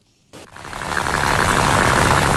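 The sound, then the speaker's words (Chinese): At 7 a.m. in sunny weather in the Sanya Asia Center fishing port, a boat motor starts up after a moment of near silence, then runs steadily as the boat heads for a deep-water net-cage fish farm 7 nautical miles out; its loud rumbling drone gradually swells and holds, with no voices. “三亚亚洲中心渔港内马达声响起，陈真年一早就乘船向7海里外的深水网箱养殖基地驶去”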